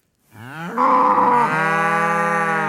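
A single cow moos loudly, a long drawn-out low call that swells and then holds steady, with no other sounds around it.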